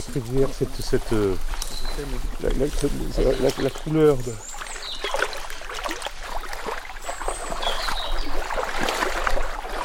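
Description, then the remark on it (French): A voice talks for a few seconds, then a steady rush of flowing river water takes over, fairly loud, with continuous splashing texture. “Moi j'adore cette rivière”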